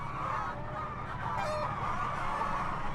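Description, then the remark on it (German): A crowd of chickens clucks and murmurs without pause inside mobile chicken coop no. 1, which has a perforated plastic manure-belt floor, while it is being mucked out; many overlapping calls form a steady, fairly loud chatter with no one speaking. “Die Hühner laufen auf so einem Boden, der so löchrig”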